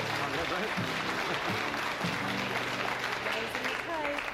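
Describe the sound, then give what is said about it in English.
Sustained audience applause, dense and steady, with voices murmuring and calling out underneath the clapping throughout. “Don't clap her too much.”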